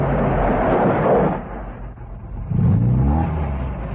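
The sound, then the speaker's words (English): A heavy truck engine rumbles steadily as it drives along a rough dirt road, with a deep low growl that dips briefly, then swells louder again as the vehicle draws nearer. No voices are heard. “At the sound of the motor, a tall, unkempt man pulls himself upright from a wattle pole against which he has been leaning.”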